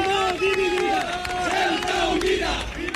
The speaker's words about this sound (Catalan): Doncs mira, això que sentiu són els crits que se sentien fa uns moments a una plaça molt cèntrica de Ceuta, la plaça de los Reyes, on s'havia convocat una manifestació d'extrema dreta.